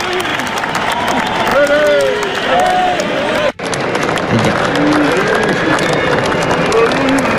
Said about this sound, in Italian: C'era un grande entusiasmo, degli applausi per qualcuno e poi è successo qualcosa.